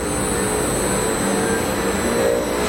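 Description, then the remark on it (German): A recycling plant starting up in a large pilot-plant hall in Braunschweig roars steadily and loudly, a dense mechanical rumble layered with faint high whining tones, with no voices present. “Kein Flugzeugtriebwerk, das warm läuft, sondern eine Recyclinganlage, die hochfährt, in einer großen Technikumshalle in Braunschweig.”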